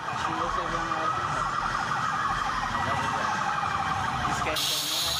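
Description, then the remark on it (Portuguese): Several emergency vehicle sirens wail together, their overlapping rising and falling tones loud and continuing without pause over steady traffic rumble. They come from a funeral convoy of dozens of public security vehicles travelling through the streets of Almenara to the cemetery. “A despedida foi marcada por aplausos, sirenes e manifestações de respeito à trajetória de Charles, lembrado por todos como um profissional dedicado e um homem apaixonado pela família.”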